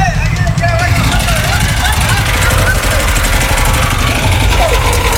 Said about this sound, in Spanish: A ver, ahí apagaron el motor.